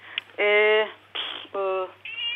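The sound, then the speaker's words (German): A 14-year-old pet cat named Hanni meows twice at home during a phone call, two loud, drawn-out, tonal cries separated by a short rough burst of noise, all sounding thin and band-limited like a phone line. “Oh, Sie haben auch eine Katze zu Hause.”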